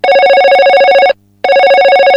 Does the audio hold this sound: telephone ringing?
yes